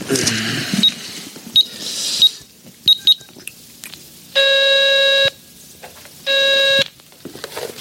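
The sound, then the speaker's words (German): A payphone being used with a phone card: a few mechanical clicks and quick electronic beeps, then two longer, steady tones separated by a pause, fairly loud, with no talking. “können wir doch wenigstens mal anrufen und fragen, oder? Wenn du meinst. Hier, nimm meine Telefonkarte.”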